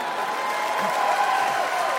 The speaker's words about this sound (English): So clap it up for my Filipino chink weird mix people.